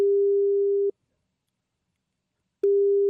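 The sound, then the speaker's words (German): A steady, mid-pitched telephone ringback tone sounds twice, each roughly a second long with a clear pause between, as an outgoing call to an education centre in Gindorf waits to be answered; no voices. “Einen Zettel, den er dann genutzt hat, um zu telefonieren. Das hat er gemacht. Er hat angerufen.”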